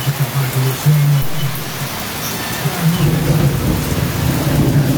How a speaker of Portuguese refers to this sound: Já mandou um vídeo pra gente aqui da chuva caindo lá em São João, aliás, em São Miguel, né?